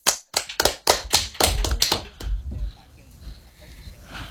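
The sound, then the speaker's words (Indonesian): A burst of hand clapping from an audience after a poetry reading: quick, sharp claps in a loose, overlapping rhythm for about two seconds, then thinning out and fading into quiet. Nobody speaks. “Teman-teman, mana tepuk tangannya?”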